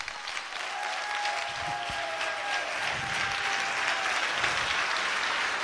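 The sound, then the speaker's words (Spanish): A large audience claps loudly and steadily, a dense wash of applause that holds at full strength for several seconds without fading, with no voices rising above it. “No, hombre, esto es para que usted hubiera dado ese aplauso más fuerte, hombre.”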